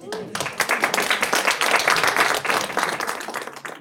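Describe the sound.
A room full of people claps steadily for a few seconds, dense overlapping hand claps at fairly loud, even volume, with faint murmuring voices mixed in before it fades slightly.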